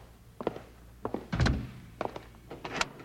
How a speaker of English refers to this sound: Bill, he's locking the door. Sure. Always keep the bank locked.